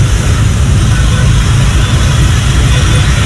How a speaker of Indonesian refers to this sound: Info traffic ini Borobudur ada apa ini ya? Mau macet ini.